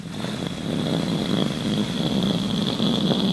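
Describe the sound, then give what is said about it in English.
A voice imitates a rocket launch whoosh: a steady, rough, rumbling roar held for about three seconds with a hissing edge on top, loud and unbroken, with no other talk. “But suddenly you hear a whoosh and a...”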